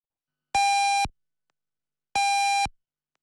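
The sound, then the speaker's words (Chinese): Two loud, steady electronic pips of equal length sound about a second and a half apart, each a clean half-second tone with a bright, buzzy edge: the radio hourly time signal for 8 o'clock on Anhui Elderly Broadcasting, FM 107.4, with silence between. “时间8点整。”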